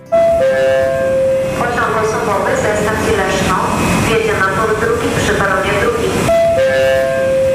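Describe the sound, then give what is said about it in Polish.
A train passes with a loud, steady roar and clattering rumble, bracketed by a sustained tonal whine at the start and again near the end. “Teraz na dworzec kolejowy w Kaliszu warto się wybrać nie tylko po to, by wsiąść do pociągu.”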